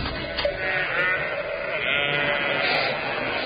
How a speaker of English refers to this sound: Curse it! More sheep. Where? In that room. Did you hear them? No, I didn't hear them. You must have done. Listen again. Oh, yeah, I can hear them now, yep.